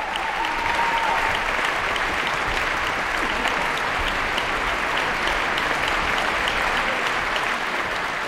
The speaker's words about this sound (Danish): Ja, stort bifald til de 8 musikere, der har været på scenen her. 8 solister er det nærmest, når det gælder det her store værk af George Enescu.